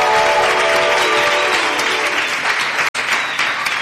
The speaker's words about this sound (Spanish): Contestamos Atlético y comprobamos. Es correcto. Aplauso, por favor.